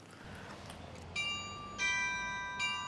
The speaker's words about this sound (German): Ja, ist er nicht immer wieder schön, der Markt in Cochem, und ist es nicht immer wieder schön, das Glockenspiel.